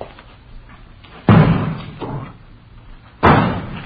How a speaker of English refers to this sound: They're throwing vegetables at that front window. They're trying to draw our attention here.